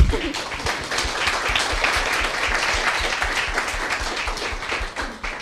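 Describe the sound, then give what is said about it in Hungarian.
A crowd applauds warmly and steadily, dense clapping at a fairly loud, even level for several seconds before beginning to thin out at the end, welcoming the evening's guest, Levente Balázs Martos, auxiliary bishop of the Archdiocese of Esztergom-Budapest, at the Francesco café. “Köszöntsük egy nagy tapssal!”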